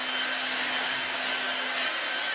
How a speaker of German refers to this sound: Ihr könnt auch mit dem Föhn arbeiten, wenn ihr keinen Staubsauger habt.